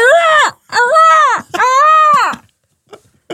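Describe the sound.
A person on Nation Radio Yorkshire imitates a seagull with three loud, wailing cries in quick succession, each rising then dropping in pitch with a nasal, harmonic quality, followed by near silence.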